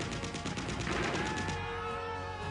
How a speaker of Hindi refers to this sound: दुश्मनों की मशीन गने बंकरों से लगातार गोलियां बरसा रही।